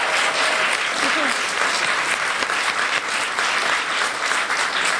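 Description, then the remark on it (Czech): Sustained applause from an audience for a guest on the show Koťák Live, a dense, steady wash of clapping hands at an even loudness for the full five seconds, with a few faint voices mixed underneath. “A prosím, zatleskejte mé kamarádce”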